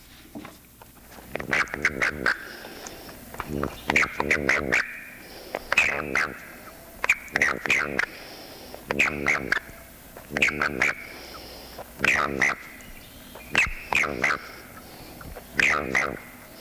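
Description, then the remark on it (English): A male southern toad (Bufo terrestris) gives repeated short, buzzy warning chirps, bunched in quick bursts about every two seconds, fairly loud against a quiet background. “Both sounds can be heard in the southern toad, Bufo terrestris.”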